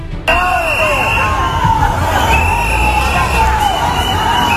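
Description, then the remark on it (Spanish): A large crowd in Ceuta boos and shouts loudly and continuously, yelling "coward" at Spain's Interior Minister Fernando Grande-Marlaska: a dense wall of raised voices with whistles cutting through, steady for several seconds. “Entre abucheos y gritos de cobarde, Marlaska defendió en Ceuta la actuación de las fuerzas de seguridad y anunció nuevos refuerzos policiales.”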